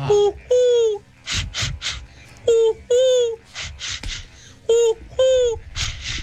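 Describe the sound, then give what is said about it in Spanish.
A person mimics a dove and ducks: three rounds of a tonal, falling coo followed by a cluster of raspy, nasal quack-like bursts, loud with no other sounds. “la palomita la muerte y unos patos.”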